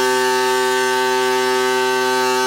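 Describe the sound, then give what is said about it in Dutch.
A steady, droning horn-like tone from piles being vibrated into the ground with a technique from Canada at a construction site near Urk holds unbroken at one pitch with strong harmonics, loud and monotonous like a ship's horn, with no voices. “De komende weken is dit scheepshoorngeluid nog tot in de wijde omtrek van Urk te horen.”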